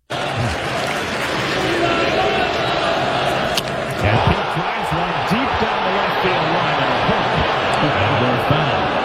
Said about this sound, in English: This was the fan reaction when Alonso nearly homered off of Jonah Tong.